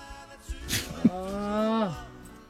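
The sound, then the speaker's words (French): A person imitates a pig: a short nasal snort followed by a drawn-out, grunting voiced tone that drops off at the end, fairly loud, with no talking. “Arrête de faire ton nez de cochon”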